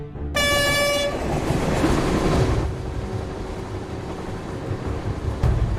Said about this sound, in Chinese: 这条交通大动脉日均开行列车超200列，每隔5分钟就有一趟列车呼啸而过，年货运量占全国铁路货运总量近1/5。